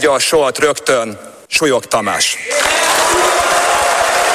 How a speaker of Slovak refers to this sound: Dav ľudí pred parlamentom na tieto slová reagoval búrlivým potleskom. Ten sa objavoval počas celého dňa.